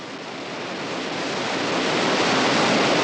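A steady, dense roar of a waterfall, a thick column of muddy white water pounding onto a rock floor, a thick wash of rushing water that swells gradually louder over a few seconds, with no voices.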